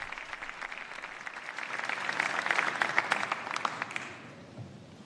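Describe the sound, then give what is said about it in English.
Steady, sustained applause from a large audience in the Salón de Columnas for Pope Leo XIV's address to the civil authorities of Spain, a dense patter of many clapping hands that swells slightly in the middle and begins to thin out toward the end, with no voices over it. “And we hear the sustained applause for Pope Leo's address to the civil authorities of Spain.”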